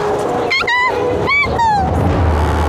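Jackals let out two quick, high, whining yelps that slide downward in pitch, one after another, over a steady rumbling background.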